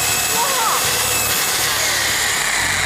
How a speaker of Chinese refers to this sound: 所以说今天我就给大家来做一个极限的考验。现场呢，我拿的是什么？拿的是电钻。我直接对着锅底打，哇！